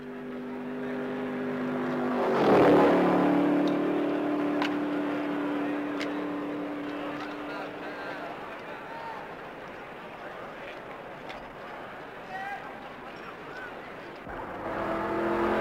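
The leading race car, the Ferrari number 5 driven by Luca Abrate, roars past through the chicane onto the grandstand straight at the 24 Hours of Le Mans, its engine peaking sharply in a loud whoosh, then a sustained high-pitched drone fades over a steady background rumble.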